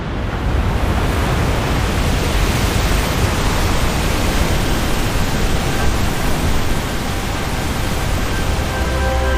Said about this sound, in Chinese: 在湿季的汛期，每秒约有5000吨的河水从维多利亚瀑布倾泻而下。